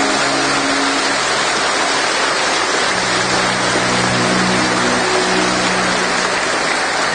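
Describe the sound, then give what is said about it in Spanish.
An audience gives a loud applause to the glory of God the Father, a steady, dense wash of clapping that holds at an even, fairly loud level throughout, with no voices rising above it. “Si te sientes hoy bendecido, dale un fuerte aplauso a la gloria del Padre.”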